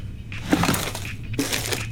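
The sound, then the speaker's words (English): Rummaging through a cluttered junk drawer while searching for a passport: small objects clatter, clink and scrape together in two busy bursts of shuffling, fairly loud and with no voices. “What about my junk drawer?”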